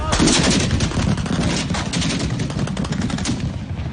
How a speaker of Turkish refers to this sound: İstanbul ve Ankara'da kritik noktalar peş peşe hedef alındı. Helikopterlerden açılan ateş, savaş uçaklarından bırakılan bombalar. Darbeciler şehirleri ateş altına aldı.